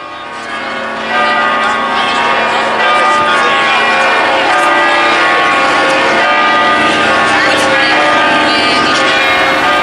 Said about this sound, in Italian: Padre Cambi, Silvia, vogliamo andare ad ascoltare le campane che arrivano da Pompei? Il suono della campana è sempre una cosa meravigliosa. Lo adoro.